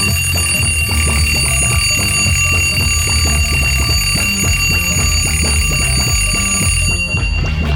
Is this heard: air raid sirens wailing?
no